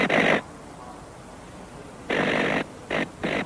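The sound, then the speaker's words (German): A spark-gap transmitter sending telegraph signals in Morse code gives loud bursts of harsh, buzzing crackle that switch on and off in a Morse-like rhythm: a short burst, a long pause, a longer burst, then two quick ones. “Das laute Knattern des Knallfunkensenders ist weithin zu hören.”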